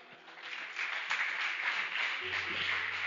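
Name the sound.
audience clapping hands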